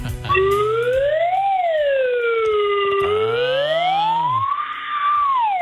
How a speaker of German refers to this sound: Alarmstufe Rot.